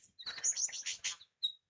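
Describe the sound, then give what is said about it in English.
A lyrebird mimics the chatter of a mob of fairy-wrens: a rapid, thin, high-pitched burst of twittering notes for about a second, then a pause and one short chirp, fairly faint with no voices. “That's mimicking a mob of fairy wrens.”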